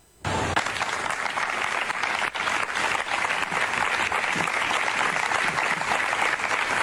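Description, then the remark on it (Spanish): A large crowd at the University of Granada bursts into applause almost at once, after a minute of silence in memory of Claudia, and keeps clapping steadily for several seconds, a dense, even, fairly loud wash of hands with no voices standing out. “la Universidad de Granada también expresó su repudio y condena, rindió un minuto de silencio y aplausos en memoria de Claudia y exigió justicia.”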